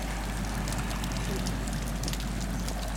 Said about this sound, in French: J'ai fait la planche et mis un peu la tête dans l'eau et j'ai entendu ce crépitement, là, ce petit crépitement de beaucoup moins fort. Que tout à l'heure.